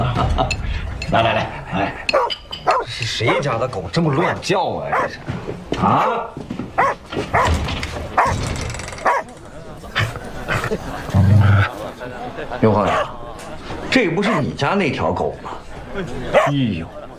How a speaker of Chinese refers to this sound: 哎，是谁家的狗这么乱叫啊？这是啊！刘行长，这不是你家那条狗吗？哎呦，饿得嗷嗷叫。 多少天没吃饭了？